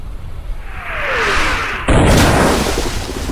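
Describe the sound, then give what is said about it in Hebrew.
A rising whoosh of an incoming naval shell swells for about two seconds, then a loud blast erupts into a sustained roaring rush of splashing water and rumble, as shells from armored warships' huge guns fall into the sea and throw up great jets of water, in a large naval battle between British and German fleets. “פגזים נופלים לכל עבר, מרימים סילונים אדירים של מים אל השמיים.”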